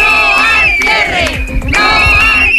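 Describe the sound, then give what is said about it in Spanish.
A crowd of schoolchildren in a school playground in Toreno and Carucedo loudly shouts a protest chant in unison against cuts by the Junta as classes begin, high-pitched voices rising and falling in repeated phrases that keep going without a break. “Con estos gritos han comenzado las clases en los 2 colegios.”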